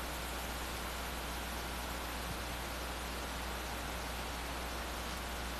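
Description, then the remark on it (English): A steady, dense hiss of rain starting to fall outdoors at Riley Park ballpark during a baseball game, continuous and even throughout with no distinct drops standing out and no voices. “It was pouring rain as the rain starts coming down here.”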